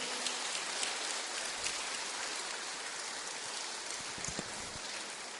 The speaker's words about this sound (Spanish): Aplauso para todas las mamás, aplauso.